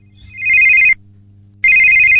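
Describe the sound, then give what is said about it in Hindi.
A telephone rings for the first caller on an Akashvani radio phone-in program. It rings in two loud electronic bursts separated by a short pause, its bright tonal trill clear, with a low steady hum underneath and no talking. “तो आइए देखते हैं कि हमारे आज के पहले कॉलर कौन हैं।”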